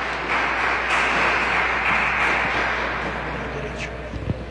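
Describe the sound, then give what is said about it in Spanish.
A crowd applauds after a baptism, a steady dense wash of many hands clapping that holds for several seconds and eases off a little toward the end. “A ver, fuertes aplausos y a ese hija de Dios.”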